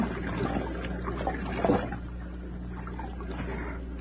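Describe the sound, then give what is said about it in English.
A steady, gentle wash of flowing stream water runs throughout, with small splashy bubbles and a brief louder gurgle near the middle, moderately soft, no voices. “There it is, Nails. It's a stream, all right. Let me get one drink.”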